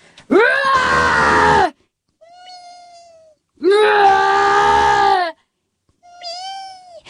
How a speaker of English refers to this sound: And I say, it's the cat. I mean, it's not just the cat, right? It's the crippled, brain-damaged cat who can't get away from a toddler, much less a bear.